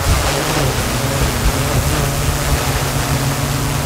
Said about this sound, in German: Ja, so klingt nämlich eine spezielle Drohne, die die Einsatzkräfte da gerade testen. Was daran so besonders ist, es ist eine autonome Drohne. Wenn es einen Alarm gibt, dann fliegt die automatisch von der Wache aus los, um schon mal aus der Luft